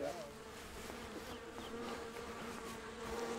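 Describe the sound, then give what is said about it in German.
Honeybees buzz steadily around an open hive, a dense, continuous hum of many insects, with a few louder passes as individual bees fly near. “Der alte Imker hat Johannas Familie auch drei seiner Bienenvölker überlassen.”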